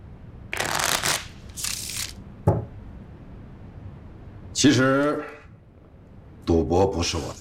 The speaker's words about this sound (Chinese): 我来洗牌，这恐怕不符合规矩吧？